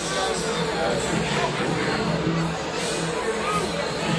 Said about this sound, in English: Here's some boos right now from this crowd tonight.